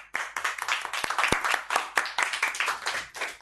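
A group of people clapping together, a dense, bright patter of many overlapping claps that swells and dips in steady waves for a few seconds with no voices over it.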